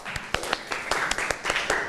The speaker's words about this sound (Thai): เอาปรบมือให้เพื่อนหน่อยค่ะ